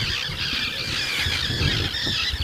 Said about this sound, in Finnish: Kalatiirat pitää tuossa nyt kovaa meteliä, nekin ihan vasta hetki sitten ilmestyi tuohon.